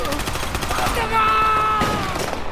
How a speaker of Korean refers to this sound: 장학수와 송상득이 골목에서 나타난 인민군과 총격전을 벌이는데 송상득이 등에 총을 맞는다.